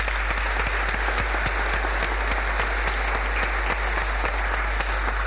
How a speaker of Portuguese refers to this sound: Eu penso que a Luana teve um contratempo e não pode estar presente, mas uma grande salva de palmas para ela também.